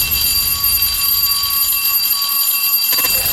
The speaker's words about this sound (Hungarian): Jól hallottad! Ez a csengő hang volt a jeladása jelentkezése. Belépő a nyárba a Rádió 1 gongon.